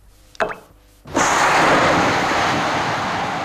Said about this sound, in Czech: Atomový výbuch? Nikoliv. Kostka cukru, rozpouštějící se v čaji. My víme, že je to staré, ale tohle jste určitě ještě neslyšeli.